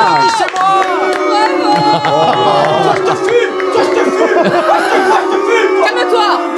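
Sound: audience applause and cheering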